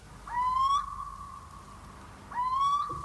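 A little owl calls from nearby brushwood, giving two plaintive, slightly rising calls about two seconds apart, each a clear mid-pitched note with a bright, harmonic edge, against a quiet background with no talking.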